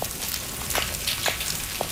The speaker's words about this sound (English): The copper rockfish makes a lot of knocks and grunt noises. The knocks that it makes are kind of these low frequency thrumming sounds.